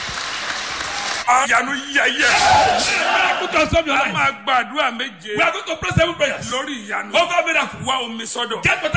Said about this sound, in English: congratulations God bless you. You will go global in Jesus' name. Everybody clap for this Jesus.